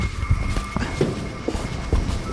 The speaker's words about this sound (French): Là, il y a tellement de vent qu'on entend les drapeaux là, de Texed qui sont en train de taper contre les poteaux.